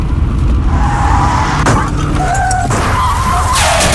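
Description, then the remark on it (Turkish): Loud tires squeal in wavering pitched streaks over a constant engine roar, with sharp bursts of noise breaking in partway through, as a car in traffic skids and crashes into the car ahead because its driver did not keep a safe following distance. “Az önce biri takip mesafesini korumadığı için önündeki araca çarpan birine çarptı ve kemer takmadığı için yaralandı.”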